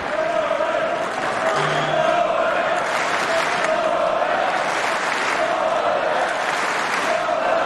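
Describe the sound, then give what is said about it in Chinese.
A tennis crowd cheers and applauds for Djokovic during a match against Sinner, a steady, loud wash of clapping and voices that keeps going without a break, with a sustained tone running through it like a chant. “现场的观众也在给德约加油鼓劲儿啊！”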